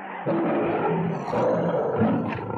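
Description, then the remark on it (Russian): A lion roars loudly, a deep, rumbling growl that swells and holds for a couple of seconds with no voices around it. “Мы со львом на охоту ходим.”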